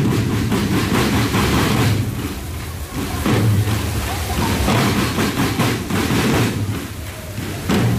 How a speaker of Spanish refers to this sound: Tremendo aguacero. Y los tambores sonaron y retumbaron bajo la lluvia.